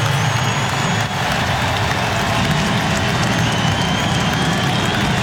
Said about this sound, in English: A standing ovation for Bo Bichette, now a member of the New York Mets. And while he waved to the crowd, his former teammate for seven seasons, Vladimir Guerrero Jr., urged Bichette to take his helmet off.